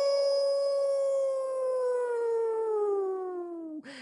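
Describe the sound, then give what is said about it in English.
A person imitates a coyote, letting out one long, loud, sustained howl that slowly slides downward in pitch for nearly four seconds before breaking off abruptly. “That's when the coyote howls.”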